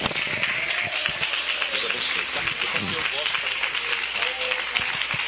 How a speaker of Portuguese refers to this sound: Pode bater mais palma para Jesus. Pode bater palma. Aleluia. Bate palma para Jesus, merece. Aleluia. Bate mais palma para Jesus.